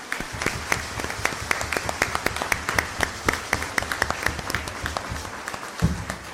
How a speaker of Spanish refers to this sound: Así que, no, de verdad, muchas, muchas gracias por su alegría y su testimonio. Démosle nuevamente un fuerte aplauso.